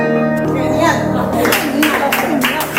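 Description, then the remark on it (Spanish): Sustained piano notes ring out, played by a pianist of the association Pianos Vivos on a Wednesday afternoon at the AFAP centre in Barcelona for families of Alzheimer's patients, then the audience breaks into applause, with rapid clapping building over the fading music. “Bueno, muy aplaudido por lo que veo al acabar, ¿no?”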